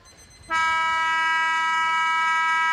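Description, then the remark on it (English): A loud end-of-match siren at a Montmorency football match blares on as one steady, buzzy, horn-like tone, cutting in after a brief moment of low background murmur and holding unbroken to the end. “And he can go back and potentially kick after the siren, I reckon. Siren imminent.”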